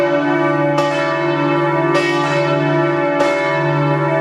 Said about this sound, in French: Toutes les églises des diocèses de Lorraine, donc dans les 4 départements, vont sonner pour annoncer que le pape est en terre lorraine